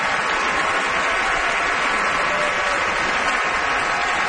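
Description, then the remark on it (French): Sustained, dense applause from a large opera audience at the Met during a curtain call, greeting mezzo-soprano Isabel Leonard as Frida as she steps forward, a steady wash of clapping with no pauses, loud and even throughout, with no voices standing out. “Isabel Leonard, Frida, qui vient saluer la foule à son tour, et la foule qui salue, bien sûr, Frida.”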